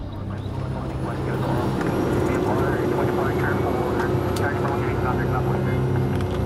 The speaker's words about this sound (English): An hour after takeoff, our small Cessna plane approaches Scarborough Shoal, a triangle-shaped chain of reefs and rocks around a sheltered lagoon.